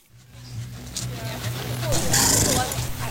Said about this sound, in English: Horses whinny to each other from trailers, and trucks even out the bumps in the gravel roads at the Kodiak Island Fairgrounds.